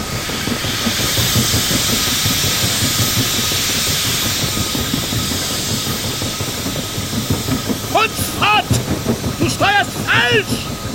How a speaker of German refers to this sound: Der Nebel hatte den Ozean gleichsam stillgelegt. In diesem Schweigen hatte das Röcheln des Dampfers etwas Beunruhigendes und Klagendes.